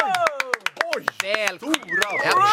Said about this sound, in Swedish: Stor applåd, särskilt som du också applåderade själv,